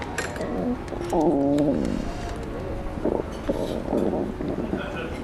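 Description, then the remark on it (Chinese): An air conditioner in a restaurant runs with a steady, even whooshing hum throughout, while brief higher-pitched tonal sounds and faint murmurs come and go over it. “空调的声音。”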